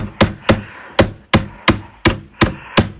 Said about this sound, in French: Alors, ça vous fait penser à quoi? Un marteau. Mais oui, bravo. Bravo, un marteau qui plante un clou.